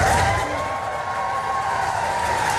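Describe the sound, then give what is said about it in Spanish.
A crowd applauds steadily outdoors at the doors of Downing Street, the British prime minister's residence in London, as Zelensky is received by the Royal Guard; dense clapping mixed with scattered cheers and whoops, loud and sustained throughout with no clear speech. “En Downing Street, Zelensky ha sido recibido por la Guardia Real y con aplausos a las puertas de la residencia del primer ministro británico.”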